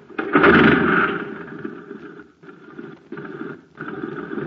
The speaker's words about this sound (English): Say, gang, talk about a putt-putt. Just listen to this jet cycle.